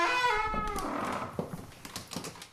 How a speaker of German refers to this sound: Er kommt von seiner Kammer durch die Kapelle, durch diesen langen Flur bis zu einer Spezialtür, die ganz allein für ihn gedacht ist. Die öffne ich jetzt.